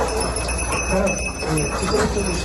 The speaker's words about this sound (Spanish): Son las campanillas de los perros que rastrean entre escombros para hallar supervivientes.